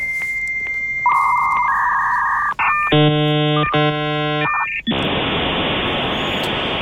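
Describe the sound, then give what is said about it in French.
An old dial-up modem connects to the Internet: a steady dial tone, a quick run of dialing beeps, then warbling handshake tones giving way to a loud, harsh static hiss that fills the rest. “Et oui, pour ceux qui s'en souviennent, c'est comme ça qu'on se connectait sur Internet dans le temps avec un bon vieux modem qui mettait 5 minutes à vous relier au cyberespace.”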